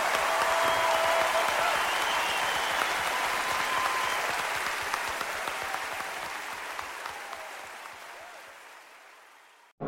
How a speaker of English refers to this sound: Ladies and gentlemen, a big round of applause for Mr. …, the one and only.